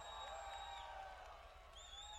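Faint crowd applause and cheering from a live band concert audience, steady, with a couple of long, sustained whistles rising over the clapping.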